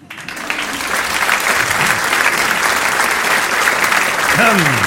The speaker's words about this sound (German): Und das geht jetzt los. Bitte begrüßt mit einem freundlichen Applaus